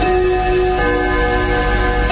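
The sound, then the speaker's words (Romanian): A clock striking, its chime ringing out with steady, sustained metallic tones that hum and linger at a fairly loud, even level, with no voices present. “Și atunci bătea ceasul.”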